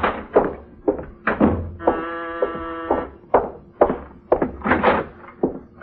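The door to the living room of a suite being opened: a series of knocking thumps and rattles, with a steady, tonal creak that holds for about a second in the middle. No one speaks.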